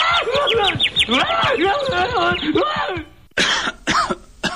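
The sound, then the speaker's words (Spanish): A small bird chirps in a quick, busy run of tweets and trills lasting a few seconds, followed by a couple of short, harsh bursts like coughs. “¡Un pajarito!”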